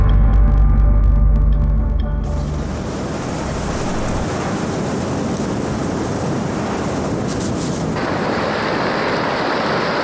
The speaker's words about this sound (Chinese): 这是文明的汇聚之地，这是奔腾的塔里木河。